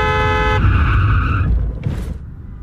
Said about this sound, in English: That car's going fast, like it's about to run the... Watch out! Oh!